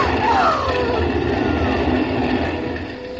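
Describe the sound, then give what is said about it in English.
A boat engine drones with a steady rumble and a whining tone that slides downward, the noise easing off slightly at the end as it pulls away. “Look, Martha, look! The boat is going!”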